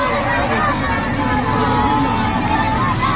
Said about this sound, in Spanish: Bueno, como escuchas, el recinto entero saltó al mismo tiempo. Hubo abrazos entre desconocidos, lágrimas de felicidad, gritos que llevaban demasiado tiempo esperando salir